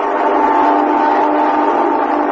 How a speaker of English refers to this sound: That's the midnight train now. I hear it every night